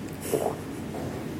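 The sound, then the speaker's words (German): A brief, breathy nose blow: one short burst of rushing air through the nostrils, not loud, with nothing else happening. “Ja, Moment, ich muss die Nase putzen.”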